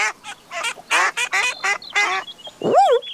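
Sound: ducks quacking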